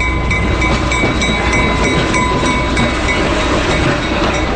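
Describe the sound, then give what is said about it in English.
A loud, steady rumble of a diesel locomotive-hauled passenger train running on rails in New England, with rhythmic clickety-clack of the wheels and a few thin, high metallic tones ringing above the noise throughout. “It's like, especially like the clickety-clack of the rails and the horn and the dinging of the bell is what really makes it kind of come alive.”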